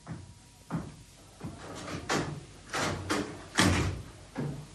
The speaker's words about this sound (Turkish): Kapıyı ben açarım. Tamam tamam geliyorum.